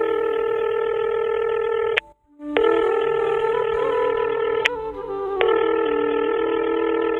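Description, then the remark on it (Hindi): A telephone line tone hums steadily and loudly, broken by a short silent gap and a couple of sharp clicks as the phone is dialed again after the called number was busy, with no voices. “माँ जी, उनका फोन तो बिजी बता रहा है। एक बार और ही करके देख लो।”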